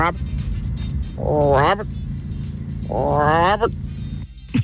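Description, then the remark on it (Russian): A person imitates a cat, giving two drawn-out, rising-then-falling meows about a second apart, fairly loud over a steady low rumble like a running car. “Так, лягушка, кот и бабуин.”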